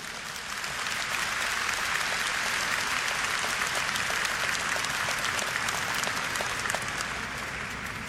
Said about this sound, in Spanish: En la iglesia somos familia de Dios. Un aplauso a Dios.